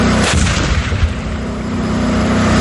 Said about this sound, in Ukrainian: Виїзд на позицію, вогонь та переміщення в укриття – алгоритм простий, але має бути вивірений до секунд, бо 42-тонний танк – помітна ціль для ворожих дронів. Сьогодні штатні постріли зі штатної 125-мм гармати, плюс зі спареного кулемета